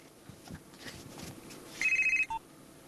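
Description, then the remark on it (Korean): A telephone rings with a rapid trill of about six quick pulses, followed by a brief single beep, clear over a faint background hiss. “스승님, 저 전화 좀 받을게요.”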